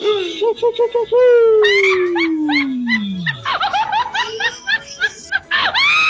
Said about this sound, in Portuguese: Sai, cachorro.